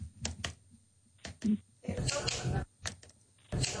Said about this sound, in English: I think it's a computer mouse clicking. A computer mouse clicking. Wait. I've got a mouse right here.